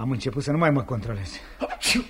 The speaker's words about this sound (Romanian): Tu strănuți și zici că eu ți răcit? Eu?